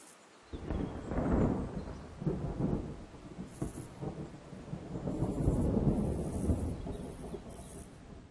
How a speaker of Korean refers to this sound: 가을에는 폭풍우가 빈번하고 날마다 기온이 떨어집니다. 새끼 말똥가리가 최선을 다해 쏟아지는 비를 견디고 있군요. 폭우가 내리고 기온이 떨어지면 열심히 날개를 움직여 체온을 높입니다.